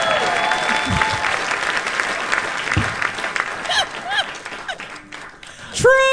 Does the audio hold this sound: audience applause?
yes